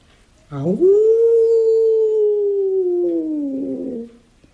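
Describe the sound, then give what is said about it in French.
A lone wolf lets out one long howl that swoops upward, then holds a steady mournful tone for several seconds before wavering and fading. No other sounds accompany it. “Mais moi, grand coq noir, je n'ai pas peur du loup, parce que j'ai la solution.”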